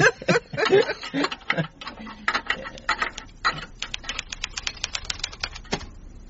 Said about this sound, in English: I have finished typing a little report on Mr. Spokesy.